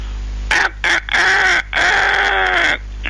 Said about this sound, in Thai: ถึงเวลาไก่ขันละ